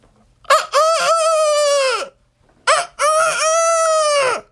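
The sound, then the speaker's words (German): Two loud cock-a-doodle-doo crows, each with a short clipped start and a long sustained call, separated by a brief pause; a human voice imitating a rooster. “Kräht ein Hahn nicht immer dreimal?”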